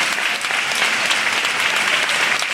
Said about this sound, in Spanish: El aplaudiment, com no, més gran, Falleres Majors de València, components de la Corda Nord, benvingudes.